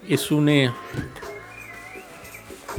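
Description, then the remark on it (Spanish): A birdsong phone ringtone chirps as someone's phone rings: a loud, bright warbling burst near the start, then fainter whistled trills trailing off, with a voice murmuring briefly. “En alguna parte tiene su teléfono, no se preocupe ahí, ¿ve? Pero por lo menos tiene pajarito”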